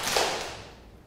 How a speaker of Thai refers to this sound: ปรบมือหนึ่งครั้งค่ะ